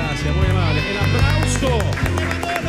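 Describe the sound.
A stadium audience in packed stands applauds as the Chilean national team is about to come onto the pitch, with scattered sharp claps rising above a dense, loud crowd roar and overlapping voices, all over a steady low hum.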